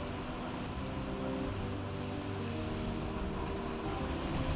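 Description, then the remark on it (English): Sea waves wash in a steady, unbroken roar at a coastal cave, with a low, constant hum underneath, filling the space evenly, with no voices present. “He asked us to throw his ashes into the sea here at this cave.”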